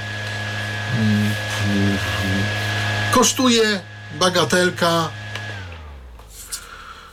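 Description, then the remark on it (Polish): A small battery-powered electric fan, still running on its battery after many years, whirs with a steady drone, its motor tone then winding down and fading near the end. A man speaks briefly over the humming. “Można to wyłączyć, ale lepiej wie, jak jest włączone. No i jest to na baterię. Jak widzę, się nie rozładował przez tyle lat ten wentylator.”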